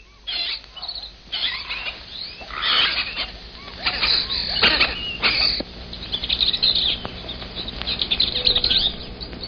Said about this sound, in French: Vous entendez, ce ne sont pas les sifflements d'un policier, ce sont simplement les cris des perruches apprivoisées que l'on trouve souvent dans les rues de Cusco et qui sont une de ses marques originales.